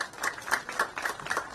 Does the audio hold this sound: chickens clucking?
no